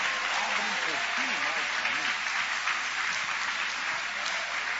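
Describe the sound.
An audience at a morning church service applauds God steadily, a dense, sustained wash of clapping from many hands, with indistinct voices rising and falling underneath throughout.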